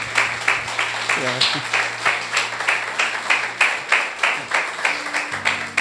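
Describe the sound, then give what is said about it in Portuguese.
A crowd claps together in praise of Jesus in a steady, rhythmic beat for several seconds, fairly loud, with a low sustained tone and some faint voices underneath. “Vamos aplaudir a Jesus pela vida desses meninos aí que cuida de mim.”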